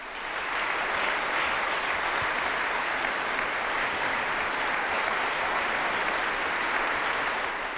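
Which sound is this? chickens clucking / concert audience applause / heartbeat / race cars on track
concert audience applause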